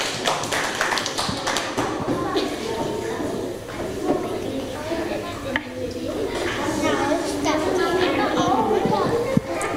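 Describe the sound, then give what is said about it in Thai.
A classroom of children claps together for group 3, a dense, steady patter of sharp hand slaps lasting several seconds, with young voices chattering underneath. “ค่ะนักเรียนคะต่อไปนะคะขอเชิญกลุ่ม3ค่ะปรบมือให้กับกลุ่ม3หน่อยค่ะ”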